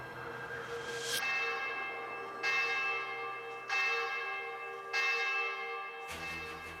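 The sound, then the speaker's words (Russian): A large church bell tolls an alarm over the town of Uglich after the church service, in slow, steady strokes, each ringing out with a rich, lingering hum that overlaps the next. No voices, just the resonant bell. “Притихший после обедни городок Углич пронзает колокольный набат.”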